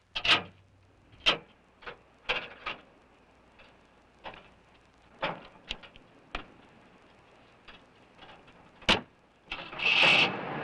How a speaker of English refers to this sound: Sure I can. The motor works, see?